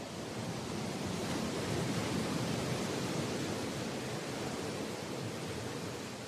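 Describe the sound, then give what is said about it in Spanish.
A dense, continuous roar of stormy sea surf against breakwaters at Santa Cruz, the main town of Flores, during a furious storm, steady and loud throughout, with churning water and wind-like hiss, with no distinct individual wave crashes standing out and no voices. “Los espigones son inútiles contra la furiosa tormenta. Es como si el mar enfurecido intentara tragarse Santa Cruz, la ciudad principal de Flores.”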